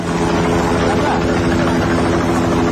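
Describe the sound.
Search helicopters flying overhead in Nepal, carrying out search work after deadly floods, a steady loud rotor thrum with a continuous engine drone filling the whole stretch, while faint voices can be made out underneath.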